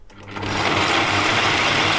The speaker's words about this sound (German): Ah, so, Leute, heute wird bei uns ordentlich gemixt. Wow, ganz schön laut dieser Mixer hier. Puh.